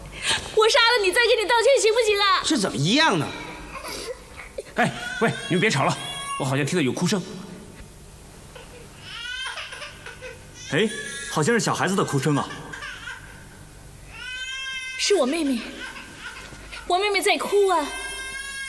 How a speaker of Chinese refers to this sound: 哎，喂，你们别吵了，我好像听到有哭声。 哎，好像是小孩子的哭声啊。 是我妹妹，我妹妹在哭啊。